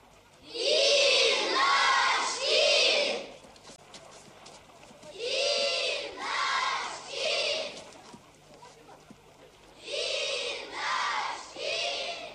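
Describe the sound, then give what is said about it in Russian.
A noisy crowd at a camp shouts in unison, three loud bursts of chanting, each made of about three syllables, separated by short pauses filled with quieter background murmur. “Голдящая толпа разворачивается в сторону пригорка, на котором стоит начальник лагеря.”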